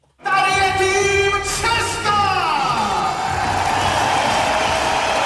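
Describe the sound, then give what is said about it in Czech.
A packed indoor arena crowd at a Davis Cup tennis match in the Libeň hall, as the Czech team plays the United States, roars and cheers loudly and continuously, with steady applause, while a droning, horn-like chant rises over the noise at the start and then fades. “Slyšíte tu kulisu? Po 13 letech nastupuje český tým k Davis Cupovému utkání v libeňské hale.”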